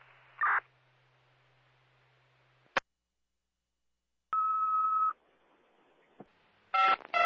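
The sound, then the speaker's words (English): A steady electronic dispatch paging tone, the cancellation tones for an EMS unit on a breathing-problem call, holds for under a second, framed by radio clicks and brief static bursts, with no voices, loud over a quiet channel. “Cancellation tones for Griffin Park EMS for Charlie breathing problem, 21st Street, 1944.”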